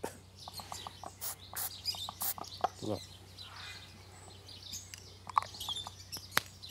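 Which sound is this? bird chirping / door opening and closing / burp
bird chirping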